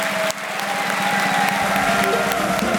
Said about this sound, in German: Und jetzt bitten wir mit einem frenetischen Applaus alle Gäste nochmal auf der Bühne, die da waren.